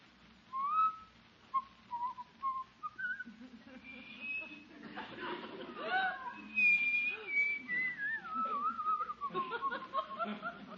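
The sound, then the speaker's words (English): A man whistles a wandering tune, the melody rising and falling in short phrases, with some soft breathy chuckling mixed in between the notes. “Just going to sit there and whistle all night?”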